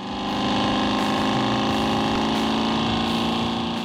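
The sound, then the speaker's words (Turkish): A car engine rumbles steadily through a new, custom-built exhaust system fitted for its new engine, a loud, continuous low drone with a layered, buzzing tone that holds for several seconds without speech. “Bu ses egzoz sisteminden geliyor.”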